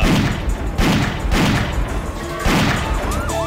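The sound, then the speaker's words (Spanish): Several loud, sharp shots ring out at uneven intervals over a noisy street background as National Police officers and suspected criminals exchange fire outside a bank branch in the La América sector, with a police siren starting to wail near the end. “Oído que un fuerte intercambio de disparos entre agentes de la Policía Nacional y presuntos delincuentes alteró la tranquilidad en el sector de la América.”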